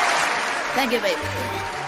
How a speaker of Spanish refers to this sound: Hay un ganador, señores, hay un ganador esta noche. ¡Aplauso, por favor, carajo!